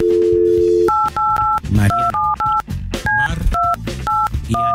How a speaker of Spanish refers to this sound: Vamos a marcarle.